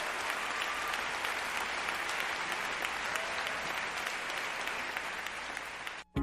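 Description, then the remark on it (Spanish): A church audience applauds steadily, a dense, sustained wash of many hands clapping, with no one speaking, before the clapping cuts off abruptly near the end. “Venga, iglesia, aplaudiendo.”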